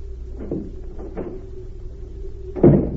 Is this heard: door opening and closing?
yes